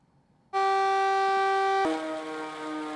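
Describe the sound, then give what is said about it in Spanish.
A loud civil defense warning siren alerting the population of Cuisac in southern France, during a red alert for flood risk after torrential rains in the Gard and Hérault departments, starts abruptly and holds a steady, piercing harmonic tone, then shifts slightly in pitch while continuing to blare. No one speaks. “Estas son las sirenas que alertan a la población de la localidad de Cuisac.”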